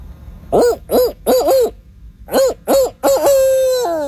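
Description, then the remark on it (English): A person's voice imitates a barred owl's call: a rhythmic series of hooting notes in two bursts, ending in a long drawn-out descending hoot, loud with no other talk. “That's a really good barred owl call.”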